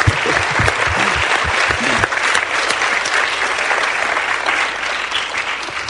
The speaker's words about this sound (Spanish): Están aplaudiendo por el Señor, ¿verdad? Amén. Pues entonces aplaudan más fuerte.